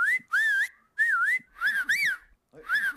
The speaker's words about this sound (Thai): คุณรู้ไหมว่าปัจจุบันนี้เด็กรุ่นใหม่เนี่ยผิวปากไม่ได้ด้วยนะกลายเป็นว่าที่เด็กที่ญี่ปุ่นนะใครผิวปากได้คือฮีโร่นะ